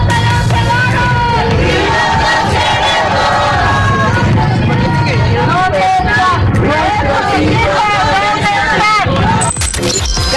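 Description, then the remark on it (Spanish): A large crowd of protesters, collectives and searching mothers, chants and shouts together in the street demanding justice and the return of their children home, voices rising in rhythmic, overlapping calls over a constant loud babble that holds steady from start to finish. “Colectivos y madres buscadoras salieron a las calles para exigir que sus hijos regresen a casa.”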